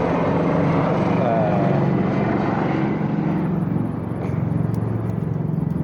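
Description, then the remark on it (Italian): A helicopter drones loudly overhead with a steady low rotor rumble that holds for several seconds, fading slightly toward the end. “Adesso sta passando un elicottero.”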